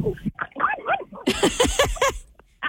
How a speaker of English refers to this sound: We just gave you 14 more minutes of barking with that dog, didn't we? Yes, she heard you, and then she turned her head sideways and took off running, barking.